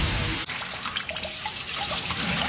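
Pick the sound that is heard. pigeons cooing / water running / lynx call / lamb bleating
water running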